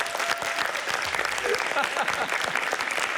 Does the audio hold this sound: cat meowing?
no